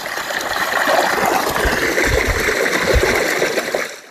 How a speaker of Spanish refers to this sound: Bueno, ya hemos llenado agua para beber.